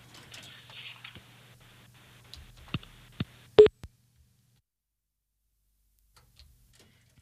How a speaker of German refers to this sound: So, der Kassettenrekorder klackert. Und vielleicht hören wir schon gleich Musik. Vielleicht auch nicht. Es klackert.